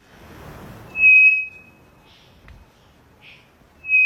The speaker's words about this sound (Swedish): Det vi hör här är en treflikig klockfågel som jag tror sitter i Amazonas.